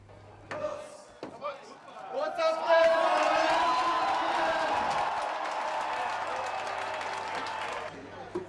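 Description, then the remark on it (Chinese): At the opening of the 191st Munich Oktoberfest, a few sharp knocks ring out as the Munich mayor taps the first keg of beer, then a large crowd bursts into loud, sustained cheering and shouting that holds steady for several seconds before cutting off. “慕尼黑市长在众声的欢呼声中凿开了第一桶啤酒。”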